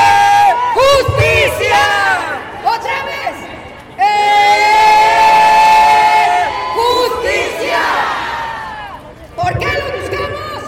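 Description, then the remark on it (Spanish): A large audience raises their hands and shouts and cheers together in loud, sustained bursts, many voices rising and falling like fans yelling at a football match, with a brief dip before the roar swells again. “Van a levantar sus manos como le hacen en los juegos de fútbol y que gritan. ¡Eh!”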